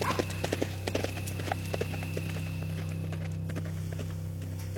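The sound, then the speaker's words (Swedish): The hooves of Skorpan, a horse being ridden home, clip-clop in a steady walking rhythm, the clear knocks strongest at first and then lighter, over a constant low hum. “Så rider vi hem.”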